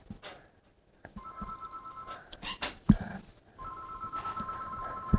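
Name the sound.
telephone ringing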